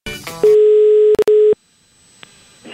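A steady, loud electronic ringback tone of an outgoing call to a father's number taken from a phone's contacts drones for about a second, briefly interrupted by clicks, then falls to near silence with only faint background noise.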